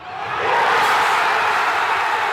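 A big crowd of hundreds of thousands of fans roars in celebration at the final whistle of Argentina's 2:1 win, around the Obelisk in central Buenos Aires, a dense, sustained wall of cheering and shouting that swells within the first half second and stays loud throughout, with no single voice standing out.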